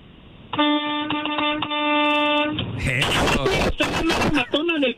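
A loud bus horn of a route 18 Morena bus, sounded by its driver, honks in a rapid series of short blasts for about two seconds, then stops as voices begin talking.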